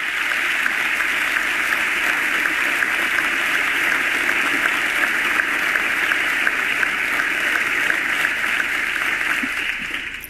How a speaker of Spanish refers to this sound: Segunda ovación cuando habla de la paz desarmada y desarmante.